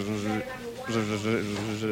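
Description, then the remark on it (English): A voice imitates a mosquito's buzz: a steady, nasal droning hum that dips and falters briefly partway through, then resumes and carries on to the end. “A buzzing sound that quits intermittently.”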